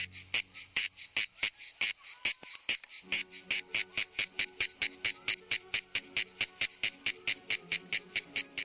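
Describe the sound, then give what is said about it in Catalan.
Shrill, buzzing song of male cicadas in the midday hours, made by vibrating a membranous structure under the body that acts as a resonance box: a rapid train of loud, evenly pulsed high-pitched bursts repeating steadily throughout, with no talking. “Durant les hores centrals del dia, els mascles emeten una renou molt estrident produïda per la vibració d'una estructura membranosa que tenen davall del cos i que actua com a caixa de ressonància.”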